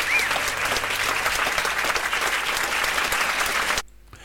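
Steady audience applause, many hands clapping densely and fairly loud for several seconds before cutting off abruptly into near silence.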